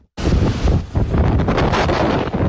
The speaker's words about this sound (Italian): Il rumore del vento impetuoso che soffia incessantemente sulla nota isola turistica di Creta.